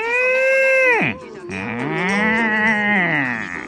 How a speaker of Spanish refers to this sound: La vaca.